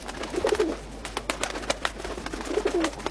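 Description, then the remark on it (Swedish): Many pigeons outside a window coo in two soft, low warbling phrases, one near the start and one near the end, over a steady background of outdoor noise and faint clicks. “Och duvorna. Utanför mitt fönster fanns det jättemånga duvor.”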